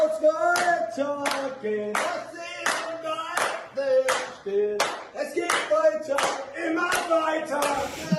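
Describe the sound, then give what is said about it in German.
Sharp hand claps land in a steady beat, roughly twice a second, as four men in a white-tiled bathroom clap in time and sing along together, fairly loud throughout. “Stehen vier Männer in einem weiß gefliesten Badezimmer, klatschen im Takt und singen mit.”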